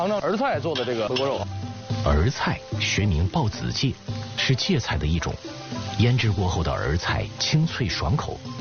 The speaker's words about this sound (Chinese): 肉片下锅，小火慢煎，煸炒出多余的油脂。 哎，我注意到这肉有点卷曲了，是吧？ 对对对，给它我们再开大底儿。 重油高温作用下，肉片被炒至半透明状，逐渐呈现出灯盏窝的形状。